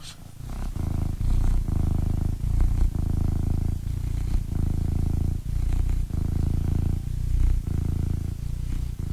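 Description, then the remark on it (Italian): A domestic cat named Vanni purrs steadily, a low rumbling drone pulsing in a regular rhythm of breaths, loud and continuous with no talking. “Un attimo solo, perché voglio far sentire il mio gatto come fa le fusa.”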